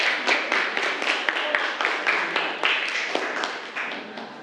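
A group of students clap for themselves during a class activity in a steady, rapid burst of applause, many hands overlapping into a dense, moderately loud patter that continues evenly for several seconds.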